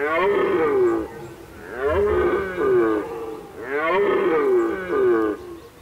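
A red deer stag roars three times during the rut in the Duvenstädter Brook, in deep, drawn-out bellows, each call loud with a rough, groaning tone, separated by short pauses.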